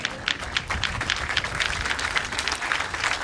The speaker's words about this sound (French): Lève-toi, Zombie, on applaudit bien bien fort.